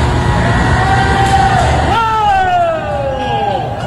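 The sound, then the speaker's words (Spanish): Several employees shout over a steady rumble of background noise as a machine with a rotating part on top is switched on, their drawn-out yells rising and falling in pitch and overlapping for a few seconds. “Y escuchen ahora los gritos de los empleados.”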